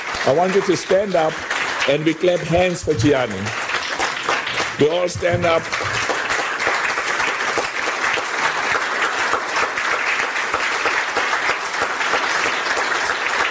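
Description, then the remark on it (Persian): Loud, dense standing ovation from a large audience at a Confederation of African Football meeting, greeting Gianni Infantino at the request of the confederation's president; steady and sustained, with a voice talking over the clapping during the first few seconds before the applause continues alone. “در مقابل جیانی اینفانتینو در نشست کنفدراسیون فوتبال آفریقا با درخواست رئیس این کنفدراسیون این گونه با تشویق ایستاده حاضران روبرو شد.”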